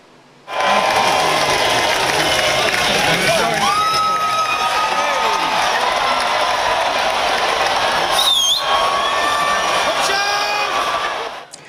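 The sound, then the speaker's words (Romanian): A large outdoor crowd roars and cheers continuously, loud, with scattered whoops, shouts and a sharp whistle rising above the steady din for about eleven seconds, at an annual cheese-rolling race in an English village where dozens of people run down a steep 200-metre slope chasing a rolling wheel of cheese. “Într-un sat din Anglia a avut loc ediția anuală a celebrului concurs de alergat după brânză.”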